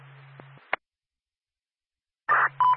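Radio dispatch paging tones at 10:52: a short crackly radio burst and click, a pause of silence, then another keyed transmission where a steady, fairly loud beep tone begins and is cut off.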